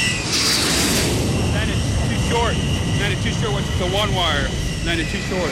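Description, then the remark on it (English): An F-14 Tomcat jet roars steadily and loudly as it comes in to land on an aircraft carrier, its engine noise filling the whole clip while radio voices talk over it. “115, Tomcat, ball 8.0. Roger, ball 28 knots, down the angle.”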